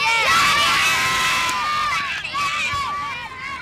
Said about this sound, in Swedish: Sverige! Jublande barn där på Östermalms IP.